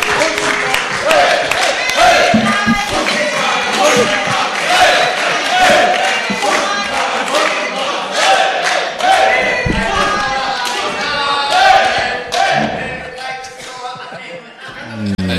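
An audience applauds and cheers loudly for about fifteen seconds, dense clapping mixed with whoops and shouts, steady throughout with slight swells.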